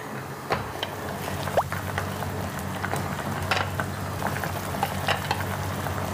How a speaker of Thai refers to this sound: ซึ่งเดี๋ยววิธีการลวกเราก็จะน้ำเดือดน้ำเดือดจัดแล้วก็ใส่หอยลงไปลวก แล้วก็เปิดหยิบขึ้นได้เลย ค่ะอันนี้เดือดแล้วนะคะแล้วก็ใส่ไป